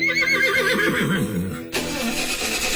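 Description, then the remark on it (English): A horse lets out a loud, quavering whinny that rises and falls for over a second, then cuts off abruptly as a steady engine rumble takes over. “Back in the day, if your horse wouldn't leave the barn, your whole day stopped right there.”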